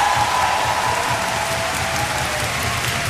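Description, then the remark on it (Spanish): A large audience claps steadily for Arturo Márquez, the dense, crackling applause holding at an even, loud level throughout without any voices breaking through. “Otro aplauso para Arturo Márquez, por favor, que no quiso pasar.”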